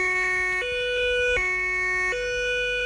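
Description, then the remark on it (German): An ambulance siren blares its two-tone wail, alternating steadily between a lower and higher pitch about twice over three seconds, loud, with a faint engine rumble underneath. “Tatü, tata, der Krankenwagen ist da.”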